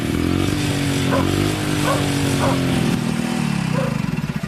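An old engine, left running briefly and smoking a little, hums steadily at idle, a low rumbling drone with a slight wavering pitch, broken by a few short barks in the background before the rumble loosens into a pulsing chug.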